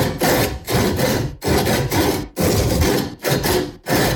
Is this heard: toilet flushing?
no